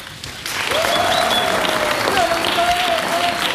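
An audience bursts into sustained applause after a short moment, a dense, steady clapping that fills the room, with a thin whistle-like tone sliding over it.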